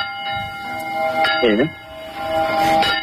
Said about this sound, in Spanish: Granja de la Costera, un pueblo de Valencia de 300 habitantes, vota hoy para recuperar el sonido por la noche de las campanas que dan la hora y que dejaron de hacerlo por la denuncia de un vecino.